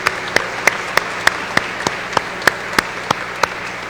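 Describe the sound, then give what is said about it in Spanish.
An audience claps together in a steady, even rhythm, roughly three sharp claps per second, over a soft wash of crowd noise. They are applauding the priests on the feast of the holy Curé of Ars, patron of parish priests. The applause continues throughout with no talking. “Y hermanos, hermanas, hoy celebramos también al santo cura de Ars, el patrón de todos los párrocos, de todos los sacerdotes, así que hoy celebramos también nuestra fiesta como párrocos, así que un fuerte aplauso para los sacerdotes.”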